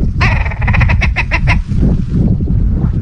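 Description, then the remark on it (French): A red grouse calls in flight as it passes in the sky, a harsh, croaking cackle of rapid repeated notes that quickens and then breaks off, followed by a steady low rumble like wind. “Fiona regarde la grouse qui passe dans le ciel”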